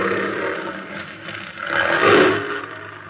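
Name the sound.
big cat roaring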